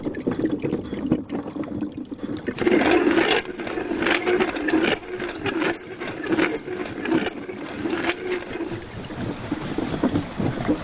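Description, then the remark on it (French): The water-powered flour mill of Saouzas in the Hautes-Pyrénées runs steadily, its wheel beneath the mill driving the stone millstone directly: rushing water and a low grinding rumble from the turning millstone, with a loose, repeating rhythm of knocks and splashes. No one speaks. “les Hautes-Pyrénées, au moulin de Saouzas, le moulin à farine fonctionne avec cette roue. La roue est sous le moulin, donc il n'y a pas besoin d'engrenage pour envoyer la force.”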